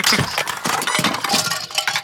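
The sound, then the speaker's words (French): Toys and small objects, including books, construction toys and little toy cars, clatter as a duck knocks them over and they fall, a dense rapid jumble of bright clinks and knocks that continues for about two seconds with no voices. “Le canard fait tout tomber sur son passage.”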